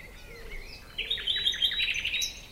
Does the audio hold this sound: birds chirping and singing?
yes